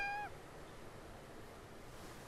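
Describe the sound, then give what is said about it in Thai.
A single short cat meow right at the start, fairly loud, followed by a couple of seconds of quiet room hiss with no talking. “แมวหนูเองค่ะคุณแม”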